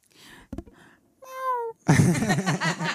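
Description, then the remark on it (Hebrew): A person's voice imitates a cat during a song performance, starting with a few short sounds, then a clear rising meow, and ending in a loud, wavering, drawn-out yowl. “ביצוע שלם ומלא ביללות וקולות של חתולים. שאני עושה לבד.”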